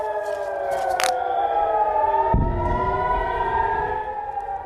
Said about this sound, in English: It was just after 10 p.m. local time when the first Iranian launches were detected and air raid sirens sounded across northern Israel.